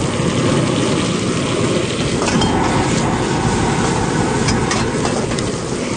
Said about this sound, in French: Bon, ça sonne comme un brûleur. C'est du propane, on dirait. Ouais, une vieille flamme. Puis il a l'air d'avoir une casserole. Donc, on est au restaurant? On est au marché Parkdale.